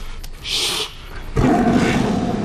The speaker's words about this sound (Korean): 분노에 찬 이규의 귓가에 범의 포효 소리가 울리고 눈앞에는 검은 범 그림자가 어른된다.